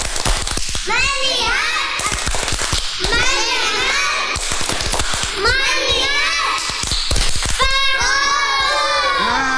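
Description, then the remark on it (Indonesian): Children play the "Tepuk fokus" clapping game, chanting a sing-song rhyme in four repeated phrases, punctuated throughout by quick bursts of sharp, loud hand claps. “Selanjutnya kita bermain tebak-tebakan. Tepuk fokus.”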